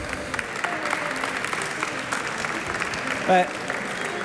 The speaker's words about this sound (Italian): Diciamo che oggi questo applauso lo interpreto in due modi.